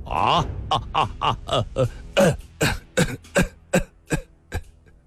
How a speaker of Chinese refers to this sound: 他想笑一笑，却又弯下了腰，不停地咳嗽了起来。